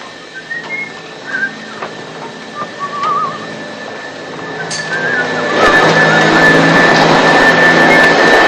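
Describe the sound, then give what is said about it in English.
Felix vacuums the living room: a vacuum cleaner runs with a steady, whining motor drone and a high tonal hum, swelling noticeably louder partway through, then staying loud and constant. No voices. “Disgruntled, he watches Felix vacuum the living room.”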